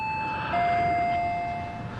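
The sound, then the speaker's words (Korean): A doorbell rings with two clear chime tones, a short higher note then a longer, lower one that rings out and fades, heard alone against quiet room noise. “초인종 소리에 당비서가 자리에서 일어나 조리문 쪽으로 향한다.”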